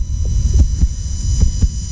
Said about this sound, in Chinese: 威胁，甚至被抓住之后的心跳声，对员工的攻击和暴力会造成伤害，不可越界。